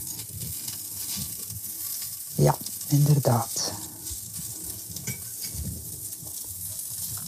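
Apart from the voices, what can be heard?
almond crisps sizzling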